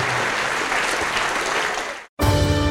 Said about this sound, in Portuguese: Então se levante, vamos aplaudir ao nome de Jesus.